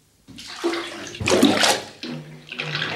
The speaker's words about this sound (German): Ich lasse das Wasser heraus, wenn Sie die Ente hereinlassen.